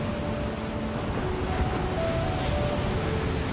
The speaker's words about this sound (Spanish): Este es el océano. Una presencia tan inmensa que cubre más del 70% de nuestro planeta.